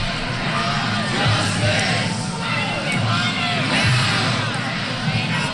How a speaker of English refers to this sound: Protesters shouting, "Shut it down," as they jammed into the center of campus, protesting the Ivy League's handling, university's handling of an allegation at gang rape at a fraternity house.